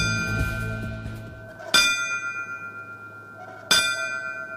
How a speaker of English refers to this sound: The ringing of bells honored the fallen firefighters on that fateful day during the Riverfront Museum's 9/11 remembrance ceremony today.